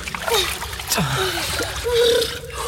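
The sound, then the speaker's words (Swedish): Steady water splashing and sloshing as someone swims across icy-cold water, with irregular strokes churning the surface and brief vocal sounds mixed in. “Fortsätt bara. Fortsätt simma.”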